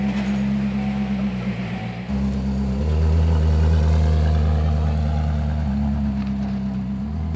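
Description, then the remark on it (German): A Koenigsegg supercar, driven with its door open past an ice cream parlour, rumbles loudly, a deep steady drone whose pitch shifts a few times as the revs rise and settle, with no voices. “Das ist doch Hollywood-tauglich sogar fast, wie das aussieht mit der offenen Tür, so an der Eisdiele vorbeifahren.”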